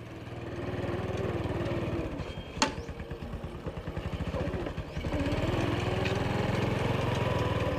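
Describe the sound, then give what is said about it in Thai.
A tractor engine chugs steadily, its low rumble holding throughout with a brief sharp knock partway through and a slight dip before it grows louder again. The tractor is for reviving a long-abandoned rice field in Thailand. “เขาจะต้องหารถไถมาพลิกฟื้นที่นาที่ถูกทิ้งรกร้างมานาน”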